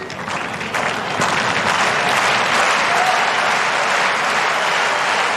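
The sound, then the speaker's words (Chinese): Steady, dense applause from a large tennis crowd cheering on Sinner during his match fills the whole stretch, loud and unbroken, a continuous wash of clapping that swells slightly after the first second and holds without any speech. “现场的观众也都在给辛纳加油。”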